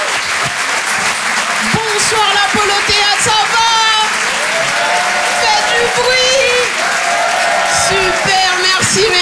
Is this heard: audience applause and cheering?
yes